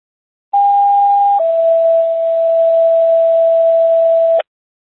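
A two-tone radio dispatch paging test signal for Medic 2 (non-emergency test tones): a short steady higher tone drops straight into a longer, slightly lower sustained tone, loud and clean with a faint hiss beneath and no voices.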